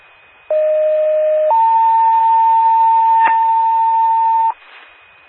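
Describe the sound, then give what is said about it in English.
A test alert from the Coupon County 911 paging system for Northwestern Fire: a loud steady tone for about a second, then a higher tone held for roughly three seconds, with no voices, ending in a faint burst of static. “Northwestern Fire, Northwestern Fire, this is a test. I'm a Coupon County 911 paging system.”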